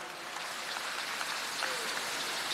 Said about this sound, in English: Clap for yourselves, you've done well.